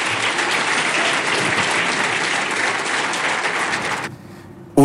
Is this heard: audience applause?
yes